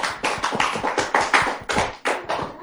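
A short round of applause for a young reciter after a poem about Palestine: about a dozen sharp, crisp handclaps in a quick, even rhythm, fairly loud and with no voices over them.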